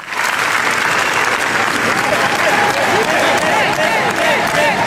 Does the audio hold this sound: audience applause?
yes